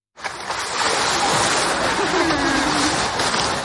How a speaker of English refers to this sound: A recording made of the large South American sea lion Hugo at Liberec Zoo last week. On Saturday morning, the animal was found dead in its pool by a member of staff.